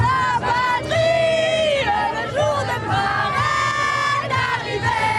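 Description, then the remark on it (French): At the start of a match, a large crowd sings the French national anthem in sustained, wavering melodic lines, voices blending into a loud, continuous chorus with a steady low rumble beneath. “Dès le début du match, le cœur de cette famille franco-marocaine était partagé avec d'abord l'hymne français.”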